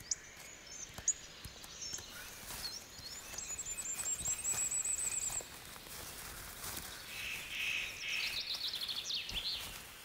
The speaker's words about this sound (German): Eine Ringeltaube bricht verdorrte Fichtenzweige ab und nutzt damit ein Abfallprodukt des Waldes, um daraus das Wichtigste zu machen, was es in der Natur gibt. Eine neue Kinderstube.